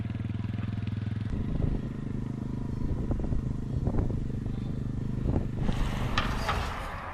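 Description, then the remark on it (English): A motorcycle engine idles with a steady low rumble, then revs and chugs unevenly with a few clanks, ending in a brighter, hissier roar as it pulls away, as a grandfather sets off to take a boy back to school. “Luosang's grandfather prepared to take him back to school by motorcycle”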